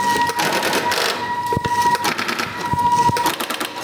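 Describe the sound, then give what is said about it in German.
Telephone exchange switches clicking and rattling as a number in Tübingen, Germany is dialed after the area code, with sharp mechanical clicks in bursts over a steady high electronic tone, and no one talking. “Genau, und jetzt wähle ich dann die 444.”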